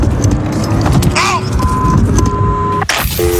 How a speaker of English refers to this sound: Okay. Oh, this is starting my car up. She's driving me the out of here.